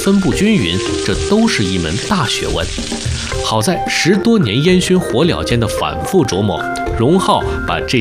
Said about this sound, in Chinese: 太好吃了，滋滋冒油